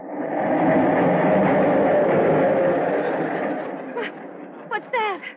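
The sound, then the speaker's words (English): A heavy, close rumble of a subway train passing directly underneath the home rolls through for several seconds, then fades away as a few brief voice sounds break in at the end. “It's very close to the subway.”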